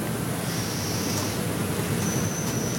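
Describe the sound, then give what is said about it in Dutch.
Two drawn-out, thin, high-pitched squeaks from at least two young owls begging for food on a farmyard with a little owl nest box, each lasting about a second, rising faintly above a steady rushing background hiss. “Hoor je hem? Ja, oh ja, dat gepiep. De bedel roepen.”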